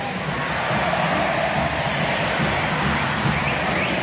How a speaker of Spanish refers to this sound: escuchen, esta es la banda sonora del sábado por la noche, este es del público compatriota que grita por Argentina.